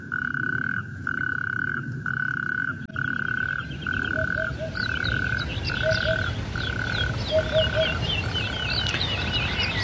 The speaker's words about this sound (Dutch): Nee, het blijken rugstreeppadden in de wadi, in de buurt, die door de regenval van de afgelopen dagen flink gevuld is en dus kikkers en padden heeft aangetrokken. Ja, dat is een heerlijk geluid,